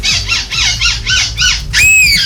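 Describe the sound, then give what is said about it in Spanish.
Human voices imitate seagull calls at a seagull-call imitation competition in Belgium, in its sixth edition, with more than 70 participants from different countries: a quick series of five rising-and-falling squawks, then a louder, sustained high squeal at the end. “Son imitadores del graznido de las gaviotas.”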